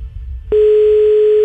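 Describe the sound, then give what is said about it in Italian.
A telephone ringback tone of an unanswered call: one steady, pure electronic beep starts abruptly after a brief quiet moment and holds loud and clear to the end, over a faint low background hum. “Puttana, non risponde.”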